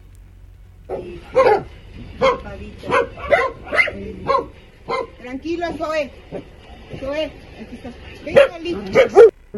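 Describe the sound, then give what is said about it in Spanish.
Several rescued dogs at a dog rescue that houses about 90 dogs bark and yip in quick, overlapping bursts for several seconds, fairly loud, with a few whimpering notes; a person briefly speaks a calming word over the noise. “ha prácticamente empeñado la vida, el amor, la paciencia, el cuidado y el compromiso para precisamente la protección de estos perritos rescatados.”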